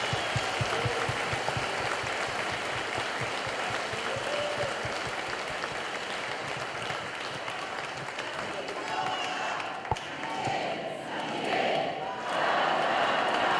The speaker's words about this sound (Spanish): Ahora sí, vamos a darle un fuerte aplauso a San Miguel que nos acompaña en nuestra vida. Que se oiga ese aplauso.